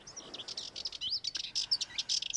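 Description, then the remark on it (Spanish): A Sardinian warbler (Curruca melanocephala), a small Mediterranean bird, in gardens around historic villas, giving a rapid, scratchy chattering call: a busy run of high chirps and short trills delivered continuously, clear over a quiet background. “Y entre los jardines que rodean las villas históricas resulta frecuente escuchar a la curruca cabecinegra.”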